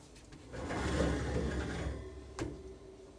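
A door is pulled shut: a low, scraping swing lasting a second or two, then a single sharp knock as it latches. No one speaks.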